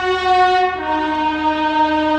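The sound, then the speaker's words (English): A passing train blares its horn while driving past a house, in one long, loud, sustained chord that shifts slightly in pitch partway through, with rumbling rail noise underneath and no voices. “Let's hear it for the train.”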